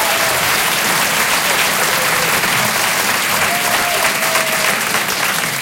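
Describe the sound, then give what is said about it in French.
Sustained, loud applause from a large audience fills the whole stretch, a dense steady wash of clapping with no pauses and a faint whistle or cheer mixed in. “N'applaudissez pas !”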